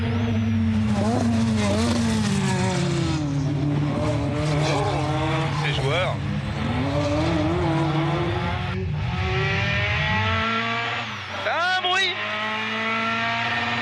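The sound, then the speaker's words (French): A rally car with a short gearbox drones and revs through repeated gear changes, pitch rising and falling, with brief tire squeals as the tires are warmed and the car slides slightly; a man speaks briefly over the loud, continuous engine noise. “C'est typique des voitures de rallye.”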